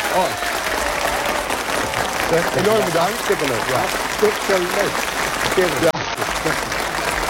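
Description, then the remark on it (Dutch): Steady, dense applause from a large audience fills the room for several seconds, with a man's voice speaking over the clapping. “Ja, ja, applaus.”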